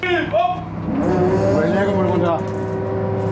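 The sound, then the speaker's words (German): The engine of a white truck waiting at a harbour berth, where a fishing boat unloads crates of shrimp, runs with a steady, low rumbling drone, while wavering higher tones and indistinct voices drift over it before the sound fades slightly near the end. “Ein weißer LKW wartet schon.”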